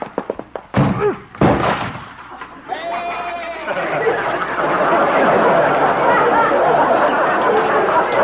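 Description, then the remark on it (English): A goat slams into a wooden door with two loud, heavy crashes, followed by a sustained wash of crowd chatter and commotion. “Well, at least Doc will have to get a new door. Maybe he'll have to get a new goat.”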